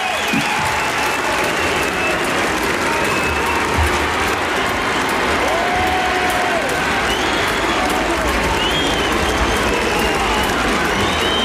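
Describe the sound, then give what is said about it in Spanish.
A large crowd acclaiming Pope Leo XIV on a balcony in Montserrat after his blessing cheers and applauds in a steady, dense roar, with several rising and falling whistles cutting through faintly now and then. “Es cierto, yo creo que se escuchan también esos silbidos, se escuchan también tímidamente, entre la multitud que está aclamando, sí, a León XIV en ese balcón en Montserrat, con esa bendición que ha lanzado.”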